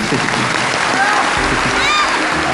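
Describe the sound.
An audience applauds steadily, a dense continuous wash of clapping at even loudness throughout, with faint voices and a brief high tone mixed underneath.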